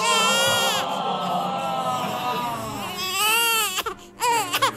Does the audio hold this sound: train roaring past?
no